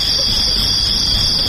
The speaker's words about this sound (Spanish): Aparte de los grillos, ¿eh? Sí, esos me cuentan. Estaban ahí.